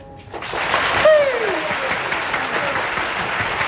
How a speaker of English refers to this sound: with the audience clapping away there.